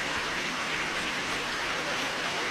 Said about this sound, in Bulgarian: Бурни аплодисменти, абсолютно заслужени